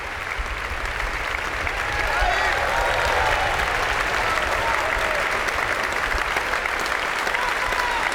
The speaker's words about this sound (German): Das Publikum hier in der Stiftskirche Melk ist begeistert, ja, und wie Sie hören, spendet es großen Beifall für all die Mitwirkenden dieses Festival-Abschlusskonzertes.